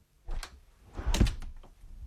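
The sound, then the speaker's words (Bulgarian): A door is handled with a few rattling clicks, then swings shut with a solid thud as someone leaves, with a short clatter of the latch afterward. No one speaks. “Заключи вратата след мен. Излизам!”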